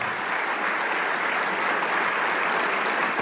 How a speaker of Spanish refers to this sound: Y le damos un aplauso al Rey de Reyes.